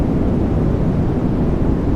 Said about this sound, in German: So, und neben Deltawellen wird im Netz auch noch das weiße Rauschen als Einschlafhilfe diskutiert, sogenanntes White Noise. Das ist wirklich nur so ein Rauschen. Ich habe mir das mal rausgezogen.